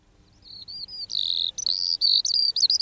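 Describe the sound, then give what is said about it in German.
A Eurasian skylark, a small ground-nesting bird, pours out a continuous high, trilling and twittering song, fluttering without pause and swelling louder, with only brief breaks near the end. No voices are heard. “Hören Sie das Trillern und Zwitschern? Das ist die Feldlerche, kleiner Bodenbrüter, kommt leider immer weniger vor.”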